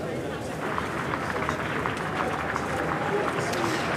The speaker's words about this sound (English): Cheers and applause then as he arrived here in Downing Street this afternoon. Plenty of hollering and whooping.